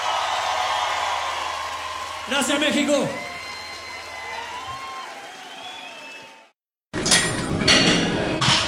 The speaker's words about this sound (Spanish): un aplauso enorme para él.